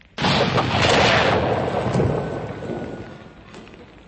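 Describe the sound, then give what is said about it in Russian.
A sudden, loud explosion of signal rockets and gas bursts out, with crackling pops layered over a roaring rumble that slowly fades over several seconds. No voices. “Ух, ракеты вместе с газом взорвались. Хорош фейерверк.”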